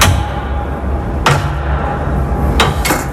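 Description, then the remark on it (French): A heavy metal grating (caillebotis) trapdoor, the access to the office and large space beneath the miroir d'eau water mirror, is hauled open, giving a loud clank followed a moment later by two more sharp metallic knocks, over a steady low rumble with no one talking. “Sous la trappe en caille boutique que je vais vous ouvrir maintenant.”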